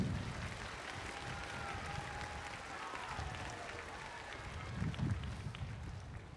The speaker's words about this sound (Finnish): Noora löytyy yleisöstä katsoen lavan vasemmasta reunasta ja annetaan Noorallekin isot aplodit.